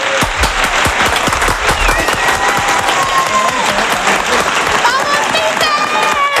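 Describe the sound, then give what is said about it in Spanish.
Loud, sustained ovation from a large crowd for Pedro Martín, closing a part of the programme, dense rapid clapping filling the whole stretch, with whistles and cheering voices rising near the end. “voy a terminar esta parte del programa con la ovación que se merece Pedro Martín.”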